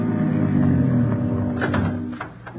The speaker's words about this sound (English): A minute later, Ben and the others pulled up in the car.